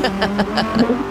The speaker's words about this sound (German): Einmal volltanken. Ja bitte, kann ich den Schlüssel haben? Gehen Sie gerne inzwischen einen Kaffee trinken, ja, und dann siehst du, wie dein Auto wegfährt.